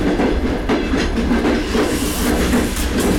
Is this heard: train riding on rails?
yes